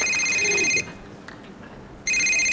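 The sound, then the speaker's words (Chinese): An electronic phone ringtone trills loudly in two bursts, a steady high-pitched warble that stops for over a second of quiet before starting again; it is a call from the father-in-law. “哟，我岳父打电话来了，赶紧跟他老人家解释一下。”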